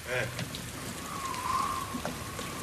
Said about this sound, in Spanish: para de llover, viejo.